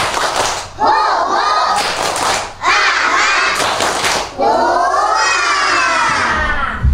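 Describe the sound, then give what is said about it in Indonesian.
Children at TK Sina Bahagia kindergarten chant the 'tepuk semangat' (spirit clap) loudly in unison while clapping, the shouted phrases repeating in a steady rhythm with brief pauses between them and sharp claps mixed through the chorus. “Tepuk semangat dulu yuk.”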